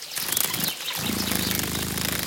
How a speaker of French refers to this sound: On dirait un bourdonnement. Nous sommes au bord d'une mare. Cette bestiole fait un bruit très léger qui ressemble à un vrombissement. J'ai trouvé! C'est la libellule. Elle adore les eaux calmes et stagnantes.